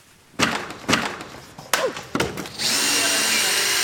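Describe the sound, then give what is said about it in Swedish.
A power drill dismantling a Liberal party election booth at Mälare torg in Ekerö, outside Stockholm, Sweden, after the election campaign: a few short, sharp bursts with clunking knocks, then a steady, continuous whirring run that carries on to the end. “På Eker utanför Stockholm så är det med en bitterljuv känsla som de nu river valbåset.”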